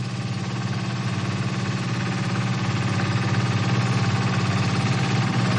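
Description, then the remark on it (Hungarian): Steady engine drone of a small boat and a crane working together as a lead diver tries to break plates loose from the side, a low rumbling hum with a faint mechanical rattle, holding constant for several seconds and growing slightly louder toward the end, with no voices. “A vezető búvár a kis hajó és a daru együttes erejével próbálja oldalról megszakítani a lemezeket.”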